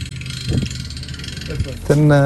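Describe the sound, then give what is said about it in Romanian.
A boat engine idles with a steady, low rumbling drone, a few faint knocks over it, and a voice cuts in near the end, as two boats positioned one in front of the other harvest algae grown on underwater ropes at a marine aquaculture farm. “Iar acum a venit momentul să fie recoltate, folosind 2 embarcațiuni aflate una în fața celeilalte.”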